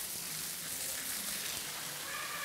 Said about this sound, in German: So, jetzt gucke ich mal, ob die gute Dame duschen will und mal schauen. Vielleicht, vielleicht auch nicht. Zororo hört den Wasserstrahl schon.